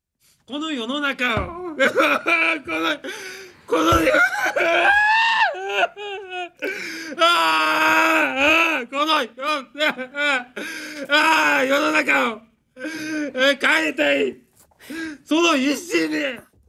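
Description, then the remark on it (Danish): A man wails and sobs loudly at an apology press conference in Japan, in long strained cries broken by gasping breaths, his voice wavering and rising through nearly continuous bawling with a few brief pauses. “Altså undskyld, der vil jeg ikke sige gråd, der vil jeg sige vrælen.”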